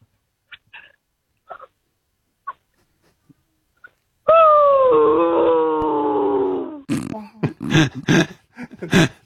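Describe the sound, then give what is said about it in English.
A person imitates a dog, letting out a long, wavering whine that slides downward, followed by a burst of choppy yelps and whimpers; a few faint clicks come before it. “can you be a dog who's just been killed playing Fortnite, please?”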